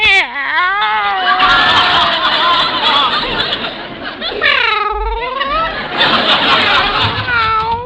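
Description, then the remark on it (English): Several drawn-out meows from cats kept in a cage, rising and falling in pitch, fairly loud, with a long wavering one in the middle and others overlapping amid some background noise. “Meow. Meow. This one loves to be petted. Meow. So does this one, for that matter.”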